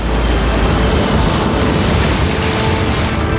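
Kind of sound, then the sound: nature, ocean waves crashing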